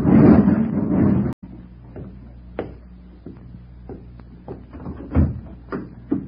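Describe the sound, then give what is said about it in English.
A heavy garage door rumbles and rattles as it's pulled down shut, then stops abruptly. A low hum follows, with scattered clicks and knocks. “He went back to close the garage door, and I sat in the car, trembling.”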